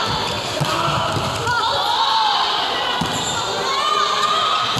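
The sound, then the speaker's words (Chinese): Sharp ball strikes ring out a few times as volleyball players hit the ball high, dig it up and play a back-row attack in a rally, over a steady murmur of an arena crowd with squeaky shoes and shouts. “拍球，高点拍球，给后攻，防起，再做调整，稍微进攻，再保护，再拍过，防起，后攻，防起，就有人防起这个球。”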